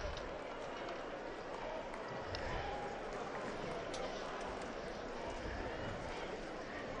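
A large crowd of pilgrims at Castel Gandolfo chants and cheers "Viva il Papa" as the Pope greets them on Sunday, 26 July, in a steady, dense roar of many voices that holds at an even loudness for the full seven seconds without pause.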